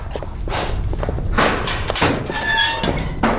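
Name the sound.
door being opened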